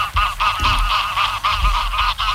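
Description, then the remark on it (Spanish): A dense flock of migratory geese honks continuously in Doñana, birds arriving from northern Europe to spend the winter, overlapping calls in quick, uneven bursts with a low rumble beneath, loud, with no voices. “Cada año llegan a Doñana decenas de miles de aves procedentes del norte de Europa para pasar el invierno”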